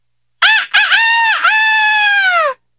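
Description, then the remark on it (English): A single loud cockerel crow, starting with a couple of short rising notes and ending in one long drawn-out call lasting about two seconds, with nothing else audible. “But when its brothers did not sing out in answer, the bird crowed even louder than before.”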